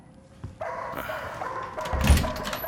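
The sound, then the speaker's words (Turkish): A dog barks repeatedly, its harsh yaps running together into a steady outburst that grows loudest near the end, with no talking. “Kes sesini! Aptal, aptal köpek!”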